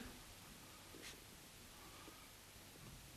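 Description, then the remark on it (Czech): Soft scratchy rustling of a brush stroking a solution of tannin in water across paper, with one brief brighter swipe, all quiet and steady without any talking. “Přetřu papír tímto roztokem.”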